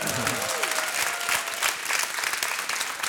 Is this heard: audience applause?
yes